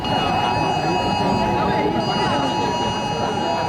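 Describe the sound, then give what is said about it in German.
Several mobile phones blare a test emergency alert at maximum volume, even those set to silent, a loud, steady electronic tone held throughout over a noisy background of crowd murmur. “Ja, die Handys, die piepten hier tatsächlich auf maximaler Lautstärke.”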